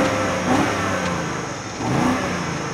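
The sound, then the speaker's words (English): A BMW car with 21-inch wheels revs its engine hard twice in quick succession, each rise a loud, gruff snarl from the exhaust, with no talking. “And finally, the exhaust tips feel properly integrated. And yes, this thing sounds angry too.”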